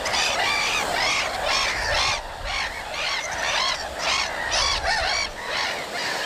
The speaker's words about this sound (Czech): Je to Racek. Výborně, slyšíme Racka.